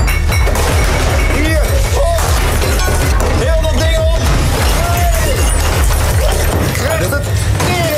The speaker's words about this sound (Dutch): Er bleek helemaal niks meer over. Alles ging kapot. Ja, ze gingen even lekker een uurtje in een rage room, zo'n sloopkamer.